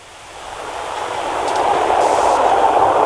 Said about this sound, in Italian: Pronto? Sentiamo che è un treno lì vicino. Vabbè, dà un po' fastidio, però vabbè, ce la prendiamo anche questa.